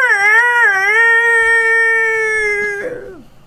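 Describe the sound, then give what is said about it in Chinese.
A rooster crows once, a long strained, tonal call that wavers at first, holds steady for about two seconds, then breaks and slides downward at the end. No one speaks. “迄只鸡公哦，会变声哦。”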